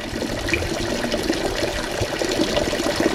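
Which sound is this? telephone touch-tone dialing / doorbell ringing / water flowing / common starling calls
water flowing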